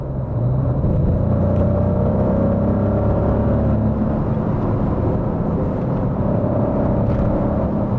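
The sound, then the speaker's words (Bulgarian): A Maserati Nettuno V6 petrol sports car engine, developed from Formula 1 engines, roars loudly and continuously, its deep throbbing tone swelling slightly as it revs, with no voices present. “И като звук, и като динамика, този двигател напълно съответства, ако не и засенчва, митичния V8, който Maserati използваше в предишните десетилетия.”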